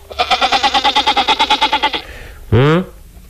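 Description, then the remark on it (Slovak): A goat bleats. First comes a long, rapidly wavering bleat with a quivering tremolo, then after a short pause a shorter, rising bleat. No one talks. “Ale nezabudnime na kozu, veď kvôli nej sa sem Zabeškin nasťahoval, či nie?”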